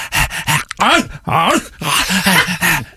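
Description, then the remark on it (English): A person vocally imitates the whining of Dora, an elderly dog, a run of pitch-bending whimpers and moaning groans that rise and fall in quick succession, loud and continuous for about three seconds. “I've got an elderly dog that won't shut up.”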